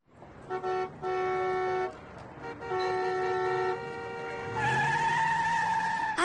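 A car horn honks in several bursts, short blasts followed by longer held ones, then tires screech in a loud, sustained skid as the horn keeps blaring, as a car cuts in line in traffic.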